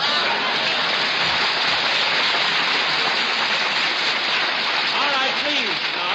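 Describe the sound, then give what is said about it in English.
A crowd applauds steadily, a dense crackling wash of clapping that holds at the same loud level for several seconds, with a voice briefly cutting through near the end. “Please, no applause.”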